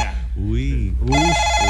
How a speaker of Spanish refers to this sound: Suena un teléfono. Mira.